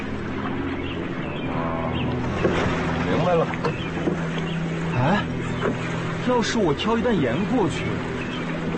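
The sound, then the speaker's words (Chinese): A boat chugs steadily across the water as it sets off, its low engine drone humming continuously under rushing, splashing water, with indistinct voices murmuring faintly in the background. “坐好，走船了。”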